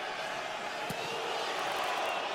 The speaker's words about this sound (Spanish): La porra de New York City gritándole a Nahuel, y quizás ustedes lo pueden escuchar.